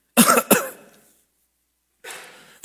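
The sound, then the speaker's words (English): Two quick, harsh hacking coughs, a short pause, then another rough, raspy cough burst starting up, with no talking. “And that word "without ceasing" is used of a hacking cough in the Greek.”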